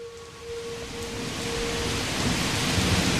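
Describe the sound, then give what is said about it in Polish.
Steady rain hisses outside a window, a dense wash of patter that swells slightly louder over a few seconds, with a low rumble underneath and no voices. “Rzucił Czarnecki, a jego głos był chłodniejszy niż deszcz za oknem.”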